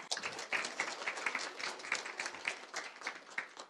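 Sustained applause from a crowd at a graduation ceremony, welcoming a current-student representative to speak, a dense, steady patter of many hands clapping at moderate volume throughout, with no voices standing out above it.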